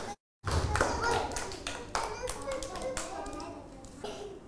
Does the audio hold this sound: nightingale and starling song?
no